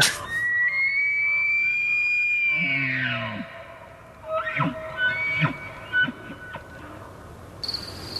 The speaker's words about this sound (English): I think we've got a moose call that we can use here for reference. I would like to hear it and see if it stands the hair on the back of my neck up.